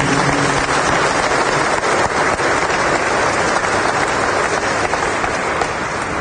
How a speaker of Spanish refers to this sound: levanten la mano por favor los que vienen hoy por primera vez, vamos a darles un aplauso de bienvenida.